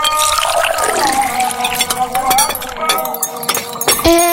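Ice cubes clink and rattle against a glass of iced tea in quick, bright taps, with some liquid sloshing and pouring underneath, busy and fairly loud throughout.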